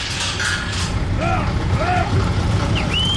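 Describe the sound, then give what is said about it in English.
U.S. Customs and Border Protection officers unlatch a heavy metal lock on a giant door built into the towering, rust-colored U.S.–Mexico border wall at Arizona: grinding, rattling clanks with several short high squeals and creaks, over a steady low rumble. “For the first time in more than a year, a group of U.S. Customs and Border Protection officers are unlatching a lock on a giant door built into the towering, rust-colored border wall.”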